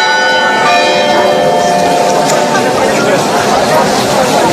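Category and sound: signal or alarm, church bells ringing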